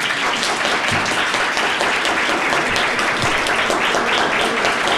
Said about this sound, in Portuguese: Eu mereço aplausos.